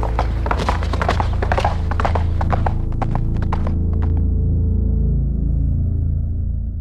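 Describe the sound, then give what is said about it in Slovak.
Horses' hooves clip-clop in a quick, uneven run of sharp knocks that fade out after about four seconds, leaving a steady low rumble and hum underneath. “Musíme zas na kone.”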